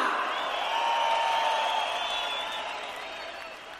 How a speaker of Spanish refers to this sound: Que siga ese aplauso chido para estas grandes cantantes rock and rollera.